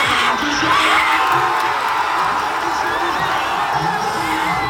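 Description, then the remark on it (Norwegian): A large crowd of Senegal supporters in Dakar cheers loudly and continuously during a football match, a dense roar of many voices with shouts and whoops rising out of it, steady throughout with no pauses. “Og da ble både håp og jubel skapt i Dakar.”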